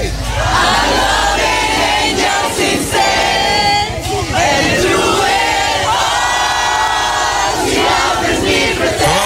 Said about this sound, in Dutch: Samen zingen op straat. Ja. Ik zou dit trouwens niet uitbrengen.